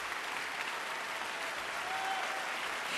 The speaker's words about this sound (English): And with that hearty applause, the audience calls Sheku Kanemason back for an encore.